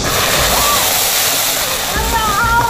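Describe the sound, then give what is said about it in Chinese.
A loud, continuous roaring hiss and crackle as water is added to a pot of hot oil, which erupts in a fireball with oil spattering everywhere, with faint voices barely audible underneath. “在加入水的一瞬间，油锅冒出一团火球，同时大量的油蹦出来，飞溅到各处。”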